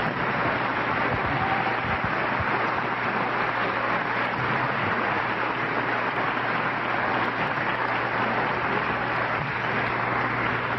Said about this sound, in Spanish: ¿Se podrían poner de pie quien fue a esa clase maestra? Nada más para saber quiénes son los trompetistas. Un aplauso.